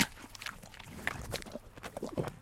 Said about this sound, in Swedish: Hur många tuggor tar det att få en häst att käka upp ett äpple, skulle du säga? Alltså, hon tar ju en rejäl tugga och sen så är det lite mer smaskande. Hör du kanske här? Ja. Ja. Här kommer en rejäl tugga till.